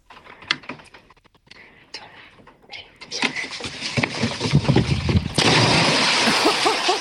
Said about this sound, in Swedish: Oj, oj, oj, vilket plums! Det lät nästan som det var mer än två små barn som sprang på den där bryggan. Dunk, dunk, dunk.